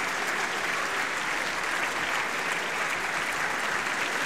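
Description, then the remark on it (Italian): Sustained, dense applause from a large theatre audience in Genoa at a staged performance with orchestra and singers, many of them standing as they applaud; steady and loud throughout with a broad crackling texture of many hands clapping at once, no voices standing out. “Ricordiamo che questo continuano gli applausi e continua l'entusiasmo del pubblico.”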